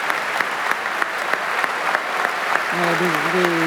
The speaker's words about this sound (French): Un applaudissement mérité pour Ettore Pagano, qui quitte à présent cette salle en faisant une accolade à Anthony Hermus, le chef.